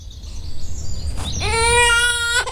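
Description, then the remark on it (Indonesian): A child cries out in a single high, strained wail that rises sharply and then holds steady, preceded by a few thin squeaky whimpers over a low background rumble, while its father tries to hush it. “Aduh, kenapa kamu tidak mau diam juga? Ayah sudah membujukmu dari tadi.”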